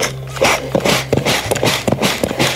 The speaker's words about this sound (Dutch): Wat is belangrijk voor de kleermaker is het geluid van de naaimachine en de streek.